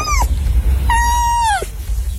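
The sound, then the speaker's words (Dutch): A tame fox squeaks while being tickled: a brief high whine, then a longer, steady, piercing squeal that bends downward at its end, over a low background rumble. “Hoe klinkt een vos? Nou, iets als...”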